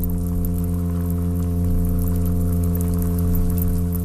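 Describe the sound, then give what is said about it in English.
A small olive-brown and golden toadfish calls underwater in one unbroken, low droning hum, steady in pitch and loudness with a buzzy harmonic tone, over a faint crackling hiss. “It's just a little olive brown, golden toad fishy looking thing. You wouldn't know that it could do a feature length sea fart.”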